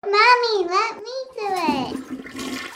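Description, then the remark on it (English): A young child's high, sing-song voice comes first, then a toilet flushes partway through with a rushing, gurgling swirl of water that continues beneath the child's voice until the end. “Explore the science beyond the flush.”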